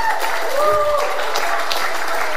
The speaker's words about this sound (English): Just take 3 seconds and give the Lord a loud hand clap and a shout of praise.